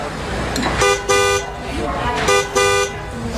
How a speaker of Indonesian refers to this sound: Waduh, keras sekali sih klaksonnya. Walah, mobilmu menghalangi mobil tetanggaku.